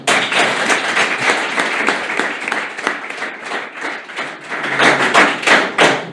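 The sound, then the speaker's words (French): An audience in Annecy breaks into sustained applause, a dense, steady wash of many hands clapping at once, loud and continuous for several seconds, with a slight swell near the end. “En plus, je vais vous dire, j'ai beaucoup de chance parce que j'ai un public très spontané, très sympathique qui est prêt à m'applaudir.”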